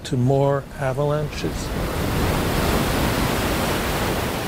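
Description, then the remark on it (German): A brief voice at the start, then a steady, loud rush of afternoon wind picking up at New Orleansund fills the rest, a broad continuous roar with no breaks. “Am Nachmittag frischt der Wind in New Orleansund auf.”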